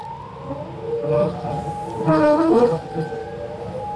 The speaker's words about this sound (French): On évoque le chant des baleines dans CQFD aujourd'hui.